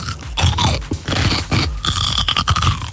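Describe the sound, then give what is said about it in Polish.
Crunchy biting and wet chewing into a pickled or lightly salted cucumber, a few sharp crackling crunches followed by steady mastication, with no talking. “Ogórek kiszony, no, nie. Albo mało solny.”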